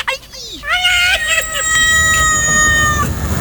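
A single loud, drawn-out cat meow that rises sharply, then holds a strained, wailing tone for nearly three seconds before cutting off, heard on its own.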